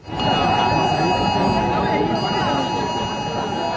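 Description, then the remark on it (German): Several phones blare a test emergency alert at once at maximum volume, even those set to silent: a loud, steady electronic tone held without a break over background voices of a crowd including children. “Ja, die Handys, die piepten hier tatsächlich auf maximaler Lautstärke.”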